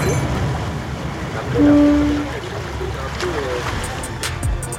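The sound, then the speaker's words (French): A steady low engine rumble and rushing water wash fill the scene aboard a boat at sea, with a brief, steady low tone sounding near the middle and faint splashes toward the end. “Merci beaucoup pour votre accueil à bord de ce bateau parce que c'était vraiment une journée merveilleuse.”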